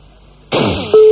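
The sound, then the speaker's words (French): A loud bell rings once with a bright metallic clang and shimmering ring, then a steady, even tone comes in and holds to the end. No one speaks. “Allô, la cloche? Oui. Ouais, je t'ai pas sonné.”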